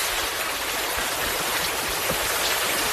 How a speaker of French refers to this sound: Il y a aussi la pluie tropicale dont vous m'avez parlé, Jeanne Vintram. Cette fois-ci, la pluie équatoriale, elle peut être aussi douce et parfois aussi ravageuse.